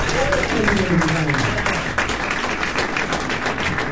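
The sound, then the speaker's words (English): A crowd applauds steadily after a performance by a pianist and a guitarist, dense clapping filling the whole stretch at an even loudness, with some voices murmuring underneath. “A very happy crowd enjoying … playing piano, guitarist …,”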